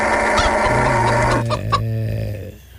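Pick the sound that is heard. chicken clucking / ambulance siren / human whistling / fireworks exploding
chicken clucking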